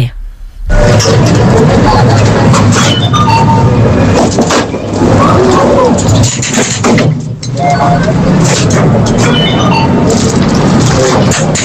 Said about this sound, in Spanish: Yo diría que es una atracción. Una atracción en una feria, es algo así, sí, es una atracción en una feria, en un parque de atracciones